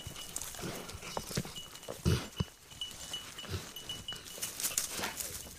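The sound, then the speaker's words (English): A tracking dog, Wheeler, searching for moose, sniffs in quick, breathy bursts with his head lowered, with a couple of louder snorts partway through, while his small bell jingles faintly now and then over soft rustling. “He lowers his head to sniff something, snorting a little bit.”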